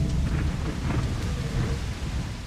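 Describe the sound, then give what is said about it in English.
Heavy rain pours down steadily, driving sideways in a storm over water with waves about 4 feet high, while a deep, rolling rumble of thunder churns underneath, loud and continuous throughout with no voices. “And, I mean, you've got thunder now.”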